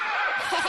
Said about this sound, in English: It's a horse.